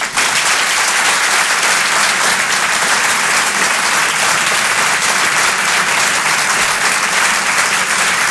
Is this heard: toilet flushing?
no